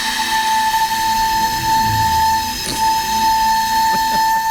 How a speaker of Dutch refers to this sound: Ja, en wie niet genoeg ervan krijgt, binnenkort is het geluid van die blokfluit ook te horen bij een tentoonstelling.